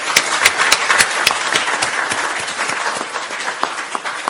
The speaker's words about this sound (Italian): Non tutti i politici ne parlano apertamente, quindi anche alla luce del libro che stiamo presentando merita veramente un applauso importante, ecco.